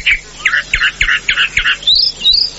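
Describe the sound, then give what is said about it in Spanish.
A calandria (mockingbird) sings, a rapid run of five or six repeated buzzy notes followed by two bright rising whistles, clear and fairly loud with no talking. “pájaro gaucho la calandria.”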